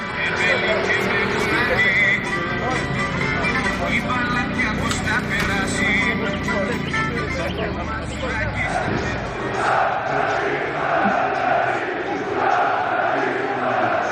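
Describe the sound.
Old anthems of the PAOK football club blare from the loudspeakers of souvlaki stalls outside the stadium before a playoff match against Panathinaikos Athens, loud and continuous, mixed with a dense, noisy crowd and passing traffic; people talk and shout throughout.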